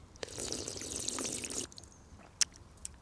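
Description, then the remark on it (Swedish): Wet slurping as a person drinks cold water from a drinking fountain lasts just over a second, a noisy liquid gurgle that stops abruptly, followed by a few small drips and clicks. “slurpar på.”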